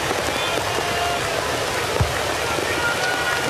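A heavy downpour falls during a Major League Baseball game, hissing steadily and loudly throughout, a dense unbroken wash of rain with one brief low thump partway through.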